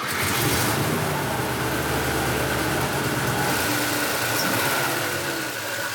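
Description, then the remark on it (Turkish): A Mercedes car engine idles steadily and fairly loud, with a faint rapid ticking from the water pump riding on the low mechanical hum; no one speaks. “Su pompasının tıkırtısını duyabilirsin.”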